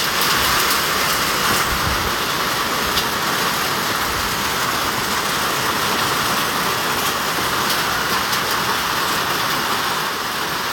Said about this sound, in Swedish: Regn mot plåttak och en vattentunna som fylldes på typ 5 minuter, säger hon.